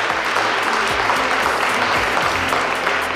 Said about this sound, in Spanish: dando las gracias a todo el público que llena este atrio de la Catedral de Jaca por estar compartiendo su pasión con la historia, por la historia, con todos nosotros. Les voy a pedir un fuerte aplauso para hacerse oír.